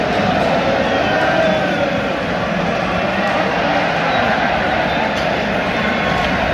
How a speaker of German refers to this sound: Weil im zweiten Drittel nach dem 2:0 für Kanada auf dem Feld gerade nicht so Spektakel gezeigt wird, beschäftigt sich das Publikum mit der Welle.